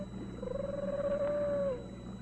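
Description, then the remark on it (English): A single drawn-out wailing cry from a bobcat, holding a steady mid pitch for over a second before sliding down and fading, over a low constant hum. “No, it's a bobcat.”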